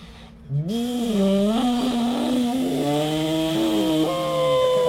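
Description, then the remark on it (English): In a contest for the most realistic jet boat noise, a voice imitates a jet boat with one loud, sustained buzzing drone lasting about four seconds, its low pitch wavering and slowly climbing, with a brief dip near the end. “We're making jet boat noises.”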